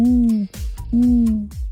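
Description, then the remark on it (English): An owl hoots twice in quick succession, each call a long, low, steady tone that dips slightly at the end, loud with a short gap between them. “says a whippoorwill or an owl.”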